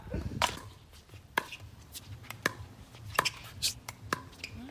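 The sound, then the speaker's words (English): A ball is volleyed back and forth between paddles: sharp, crisp knocks about every half second to second, at a fairly steady rally rhythm over a faint low background murmur. “I mean, they've got some good volleying going on, so that's nice.”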